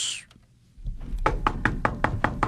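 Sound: knocking on a door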